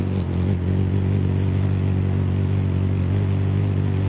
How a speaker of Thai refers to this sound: ปัจจัยที่สองก็คือเขาบินเร็วมากปุ๊บปุ๊บปุ๊บปุ๊บปุ๊บเราจะได้ยินเสียงเหมือนแมลงวันมากกว่านกอ่ะคือเขาบินถี่มากทำให้เขาได้ชื่อนี้มาคือชื่อฮัมมิงเบิร์ดมาจากเสียงของการกระพือปีกแบบเหมือนเสียงฮัมเพลงอะไรแบบเนี้ย